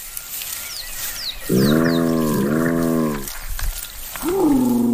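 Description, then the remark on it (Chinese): Spotted hyena calls: two long, low moaning notes back to back, then a rising whoop-like cry, with faint high chirps early on and no talking. “在动物世界中，斑鬣狗的形象并不好。它们长相丑陋，步态笨拙，就连叫声也有些古怪。”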